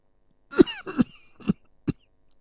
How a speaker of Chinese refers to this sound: 话未说完，齐威王发出一阵剧烈的咳嗽，宫卫轻轻敲打着他的脊背。